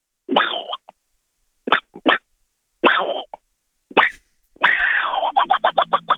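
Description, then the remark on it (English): A voice doing an impression of Donald Duck sneezing: a series of squawky, nasal bursts with pauses between, ending in a longer sneeze that breaks into a quick run of stuttering honks. “And it's good weather for ducks, so we're going with Donald Duck sneezing.”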